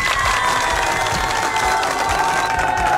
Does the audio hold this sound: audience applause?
yes